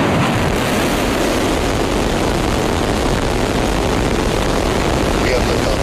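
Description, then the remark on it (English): A SpaceX Starship rocket launching from a new launch pad in South Texas, its 33 Raptor engines roaring after ignition: a loud, continuous, dense rumble of crackling thunder that stays steady and overwhelming throughout, with no clear speech over it. “Last night, the latest iteration of the spacecraft blasted off from a new launch pad in South Texas, powered by 33 of the company's Raptor engines.”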